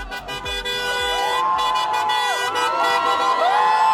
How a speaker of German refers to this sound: Großer Jubel in Budapest nach dem Wahlsieg von Peter Modiar.